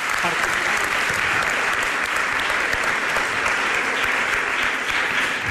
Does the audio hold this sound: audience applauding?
yes